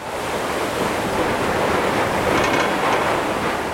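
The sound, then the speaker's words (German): A ferry pushes through frozen sea ice on a February day, heading from Helsinki, Finland, to the island of Suomenlinna. It produces a loud, steady rush of churning water and scraping noise that continues without a break. No one speaks. “An diesem Februartag bricht sich die Fähre den Weg durch das vereiste Meer zur Insel Suomenlinna.”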